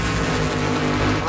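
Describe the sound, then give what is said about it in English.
Loud race car engines roar with a steady droning pitch, then rev higher near the end in a short continuous burst. “Start your engines.”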